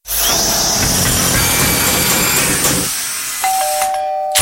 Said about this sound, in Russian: Да сколько можно долбить? А когда мне еще ремонт делать?